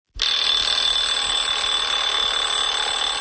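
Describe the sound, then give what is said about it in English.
An alarm clock bursts into a loud, continuous high-pitched ring that starts abruptly and keeps going without a pause, piercing, with no voices. “Shona McCallum tells us what happens before the alarm goes off as she goes to Paris to see some of the latest sleep analysis tech.”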